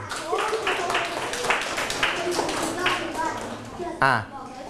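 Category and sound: crowd, classroom clapping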